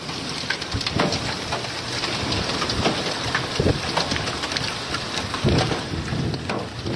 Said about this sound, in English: Oof. Ooh, listen to that hail.